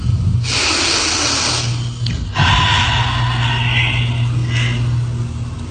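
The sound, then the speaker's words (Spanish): Two long, deep breaths drawn in and pushed out, each a breathy rush of air, with a low steady hum running underneath, taken on a prompt to breathe deeply. “Quiero que respiren profundo ahorita.”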